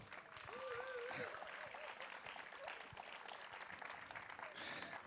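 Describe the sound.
An audience applauds steadily for about five seconds, a dense wash of overlapping claps, with a few voices briefly rising above the clapping near the start.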